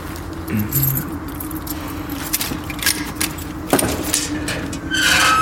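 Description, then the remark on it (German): Keys jangle and clink in a metal lock as the door of the von Kronberg family crypt is unlocked, with a sharp metallic clack near the end over a steady low background hum. “Jetzt müssen wir da rein. Schlüssel? Habe ich.”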